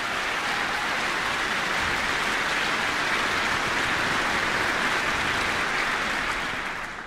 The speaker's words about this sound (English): And this is my first time with the NCDSO, wonderful orchestra that you should feel proud of. So a big applause to this wonderful orchestra.